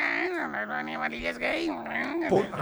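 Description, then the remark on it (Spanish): A person's voice imitates a cat meowing, producing a sustained, wavering, whiny meow with rising and falling pitch, fairly loud. “El gato maullaba así.”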